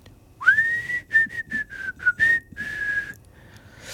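Someone whistles a short melodic phrase up close, a clear, pure tone sliding up at the start and then moving through a series of distinct notes over a few seconds, with no talking.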